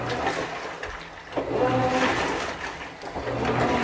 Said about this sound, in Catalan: També ah, una rentadora. Cada model té el seu so, eh? És però... una rentadora, sí, sí.